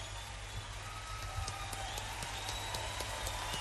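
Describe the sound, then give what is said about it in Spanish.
An audience applauds steadily, dense overlapping clapping that holds at a moderate, even level for the whole few seconds, with faint sustained tones running underneath. “no me robe más aplausos.”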